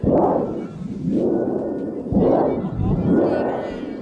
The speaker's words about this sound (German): Prospero entfacht dann einen Sturm, dafür braucht man ein Donnerblech, das dürfen die Zuschauer bedienen und das habe ich natürlich ausprobiert.